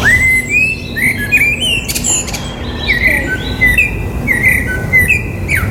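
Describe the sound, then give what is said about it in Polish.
A Eurasian blackbird sings a series of fluting, warbled phrases, each brief and repeated at a steady pace, clear over a low outdoor rumble. “Wśród 123 gatunków, którym się przysłuchano, najwyżej uplasował się kos.”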